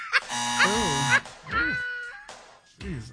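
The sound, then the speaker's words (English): A harsh, flat game-show buzzer blares loudly for about a second, with voices rising over it, followed by a few short, animated vocal outbursts. “Get you the buzzer before you even try.”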